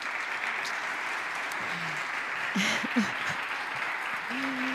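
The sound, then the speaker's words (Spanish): Steady applause from an audience of students from four municipalities in the province of Huelva, Spain, at a mining industry event, fills the whole stretch, a dense, continuous patter of many hands clapping, with a few brief voices and calls rising faintly above it. “Mientras, estos que escuchan, estos que oyen con sus aplausos, presidente, por favor, lo vamos a saludar.”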